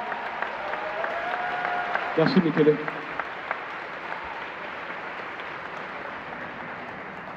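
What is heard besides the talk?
audience applause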